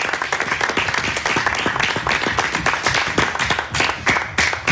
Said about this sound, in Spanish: Amén, démosle ofrenda de palmas al Señor, aleluya.